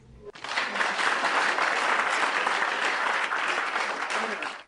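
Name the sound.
applause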